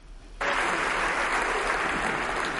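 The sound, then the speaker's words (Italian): Sustained applause from a large crowd in the Italian Chamber of Deputies, greeting the entrance of Minister Eugenia Roccella, bursts in after a brief quiet moment, a dense, steady roar of many hands clapping at once with no voices standing out. “L'applauso che l'Aula ha tributato all'ingresso della Ministra Roccella vale più di ogni parola ed esprime i sentimenti di profonda partecipazione, rispetto e mi consente anche affetto dell'Aula nei suoi confronti, Ministro Roccella.”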